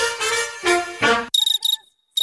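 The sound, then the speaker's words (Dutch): Crickets chirping in short, clear bursts of high, pulsing trills, fairly loud, following a few fuller buzzing bursts, with brief pauses between each group and no talking. “Hoor je het ook? In juni kunnen zelfs de krekels niet zwijgen over de Citroën Summer Deals.”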